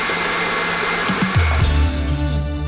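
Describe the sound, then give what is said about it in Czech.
An electric mixer whirs steadily while whisking pudding cream in a pot for one minute until smooth, its motor droning with a buzzing hum that drops in pitch about halfway through as the speed changes, then carries on loud and constant. “Metlu přidáme a šleháme 1 minutu pěkně do hladka.”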